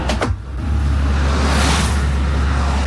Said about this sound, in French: Ah voilà, tu vois, une flopée de voitures qui passe, tu vois, une flopée de voitures.